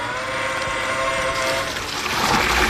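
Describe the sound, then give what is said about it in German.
A watering robot shaped like a large handcart carrying water hums with a steady, whining motor drone, then a rushing spray of water swells in and grows louder toward the end, with no one speaking. “ein Gießroboter. Also sieht aus wie so ein großer Bollerwagen, nur da ist eben kein Bier drin, sondern Wasser.”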